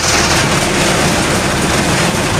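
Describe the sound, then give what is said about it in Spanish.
Heavy rain and gusting wind in La Guancha make a dense, steady roar, a loud unbroken hiss with a rumbling low end and no voices. “Está el sonido en La Guancha, que se está produciendo fuertes lluvias y viento que están provocando diversas incidencias.”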